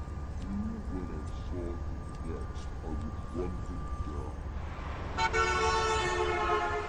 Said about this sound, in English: I stopped the car at a sleepy little junction just across the border into Oklahoma to let the train pass by,